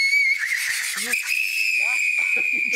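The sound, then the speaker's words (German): A tea kettle with boiling liquid nitrogen inside whistles from the gas pressure building in it, a steady, shrill high tone that wavers slightly in pitch and never lets up, while a person's voice talks faintly underneath it. “Also sehr eindeutig, der flüssige Stickstoff wird hier drin ganz gewaltig gasförmig. Da entsteht also ein ordentlicher Druck drin.”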